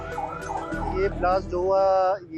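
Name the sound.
emergency vehicle siren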